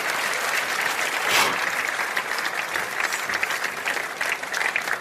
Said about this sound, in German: Und das ist euer Applaus. Vielen, vielen herzlichen Dank.